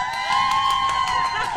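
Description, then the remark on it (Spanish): A group of mothers let out one long, high-pitched shout together on a count of three, holding it steadily for over a second with a few sharper whoops mixed in and a final burst at the end, during a live radio broadcast from a host. “Mamis, las más comadres, ¿están listos para aventarse su grito? Una, dos, tres.”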